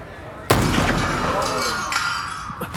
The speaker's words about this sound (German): Der erste Schuss hat nur das Glas der Vitrine dort getroffen. Wenn Sie unseren Anweisungen brav Folge leisten, bleibt es bei dem einen Schuss und niemand wird verletzt.